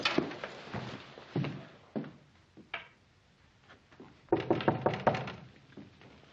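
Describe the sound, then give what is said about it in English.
Knuckles rap on a wooden door as a visitor arrives, a few spaced, solid knocks followed by a quicker burst of raps, fairly loud with a hollow, woody thud. “Who is it? It's Ben, Andy. Oh, come on in, Ben. The door's not locked.”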